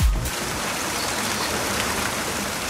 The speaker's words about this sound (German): Ach, es regnet. Ein Sommerregen. Aber es hört gleich schon wieder auf.